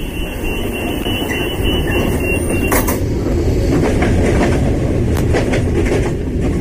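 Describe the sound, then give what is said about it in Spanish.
A train rumbles steadily along the rails, loud, with dense low-end roar and periodic sharp clacks and metallic squeaks from the wheels over the track. “Ahora mismo, mientras escuchamos la radio, hay miles de personas viajando en trenes.”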